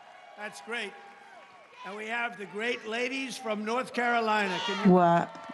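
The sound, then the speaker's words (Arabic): A crowd at a political rally chants "Trump 2028" in unison from the front row, loud voiced syllables rising and falling in a steady rhythmic pattern, with a few scattered claps and cheers mixed in. “هتاف ترامب 2028 هنا في الصف الأول.”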